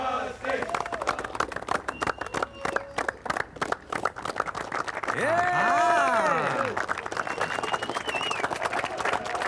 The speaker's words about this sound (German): Jubel!